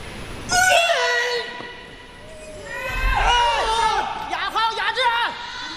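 Audience applause mixed with loud, high-pitched cheering shouts at the 2026 National Women's Weightlifting Championships, women's over-86 kg class, after a successful 148 kg clean and jerk, rising and falling in excited bursts over about six seconds.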